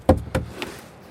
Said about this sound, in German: Ja, wir haben gedacht, dass vielleicht noch eine zusätzlich eingezogene Wand dort existiert. Ne? Aber ich konnte das Klopfen der Kollegin spüren. Also da ist nichts Zusätzliches.